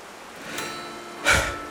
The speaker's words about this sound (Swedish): Det är tomt på badplatsen. Stora vågor rullar in mot stranden. Och det blåser en kall vind.